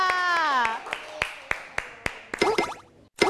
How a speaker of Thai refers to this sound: ขอเสียงปรบมือให้กับกลุ่มที่2ค่ะ